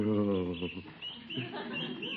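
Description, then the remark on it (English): Two small snowbirds huddled together on a cold winter evening cheep in quick, overlapping bursts, moderately loud, with a steadier tone at the start before the chirping grows busier and more scattered. “Listen to those little birds cheep.”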